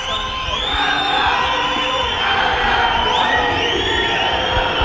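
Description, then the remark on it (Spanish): Visiting O'Higgins football fans from Rancagua cheer and chant together at the Claro Arena stadium in San Carlos de Apoquindo, Las Condes, as the temperature drops, a steady, loud wash of many voices with rising shouts and whoops swelling over the crowd noise throughout. “Ya se hace sentir el hincha rancagüino que ha llegado acá al estadio Arena, Claro Arena, en San Carlos de Apoquindo.”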